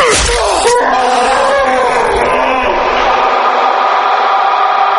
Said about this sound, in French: Le hurlement du Minotaure résonna longuement à travers tous les couloirs du labyrinthe.